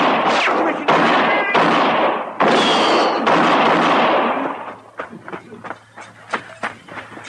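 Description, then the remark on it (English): A rapid exchange of loud, sharp gunshots in a shootout as a marshal's men move in on outlaws at a shack, several overlapping blasts with ringing tails, then sparser, softer shots trailing off toward the end. “Shoot him.”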